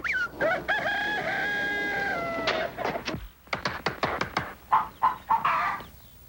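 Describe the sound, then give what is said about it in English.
A rooster lets out a long, loud crow, followed by a burst of rapid, sharp clucking from chickens, with no one talking. “I'm going to tap every one of those hens like finding the one that lays the golden egg.”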